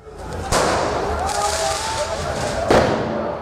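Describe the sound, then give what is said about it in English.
Football fans letting off flares and fireworks in the street in Paris after Paris Saint-Germain beat Arsenal in the Champions League final: two sharp, loud bangs about two seconds apart ring out over a steady roar of crowd noise and shouting voices. “Supporters also stormed the Paris Ring Road, letting off flares and bringing traffic to a halt.”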